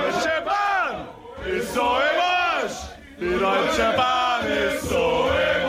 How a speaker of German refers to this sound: Gröhlende Fußballfans, die unzufrieden sind mit der neuen Regel.